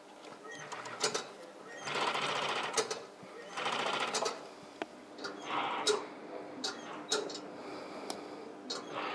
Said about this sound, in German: Dann folgt das sogenannte Strobeln. Die Strobelnaht verbindet Innen- und Außenseite des Schafts miteinander. Sie heißt tatsächlich nur so, weil die Nähmaschine von der Firma Strobel hergestellt wurde.